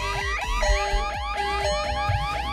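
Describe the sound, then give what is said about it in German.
A busy jumble of electronic driver-assistance warning chimes and beeps in a new car, several tones overlapping and repeating in quick succession, loud, with no one talking; alerts for lane crossing, tyre pressure, detected fatigue and driving 1 km/h too fast. “Es bimmelt, klingelt und piepst aus allen Ecken. Spur gestreift, Reifendruck weicht ab, Müdigkeit erkannt, 1 km/h zu schnell.”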